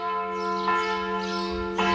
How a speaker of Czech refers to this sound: Dok slušamo zvuk zvona crkve ptice Marija Bistrica